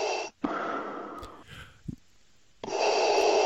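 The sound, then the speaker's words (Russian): Slow, heavy mechanical breathing of a film character through a frightening mask: a long hissing inhale, a short pause, then a loud rasping exhale starting again, filtered-sounding, with no talking. “Дарт Вейдер появился на первых же кадрах в своей страшенной маске и вот с этим жутким дыханием”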